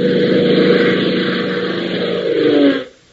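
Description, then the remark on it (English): A loud airplane engine roars in a steady, droning hum with a low rumbling tone as the plane flies southward through a late afternoon sky, back to Lakeville from New City. Its pitch slides slightly near the end before it cuts off abruptly. “Hop, Tank, and John Temple are roaring southward through a late afternoon sky on their way back to Lakeville after their quick jump to New City.”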